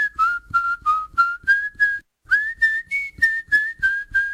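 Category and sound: human body sound, a person whistling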